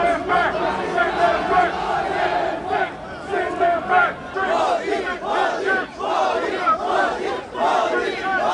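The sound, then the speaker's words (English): A large crowd of protesters around Spark Arena, New Zealand, during Mr. Modi's visit chants anti-immigrant slogans and the Prime Minister's name loudly in unison, rhythmic shouted phrases rising and falling continuously, with many overlapping voices. “Crowds were chanting anti-immigrant slogans and the Prime Minister's name.”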